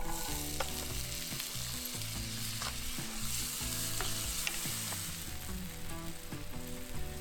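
Garam masala spices sizzle steadily with onions in extra virgin olive oil in a hot pan, a continuous crackling hiss with occasional sharper pops and faint scraping stirs. No one speaks.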